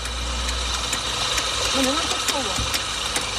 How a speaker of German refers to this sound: malt die ersten Bohnen.